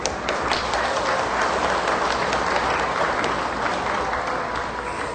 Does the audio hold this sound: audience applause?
yes